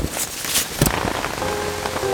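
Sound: rain falling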